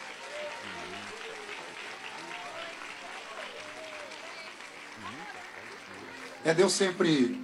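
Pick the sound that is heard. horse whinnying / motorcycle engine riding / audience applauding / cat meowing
audience applauding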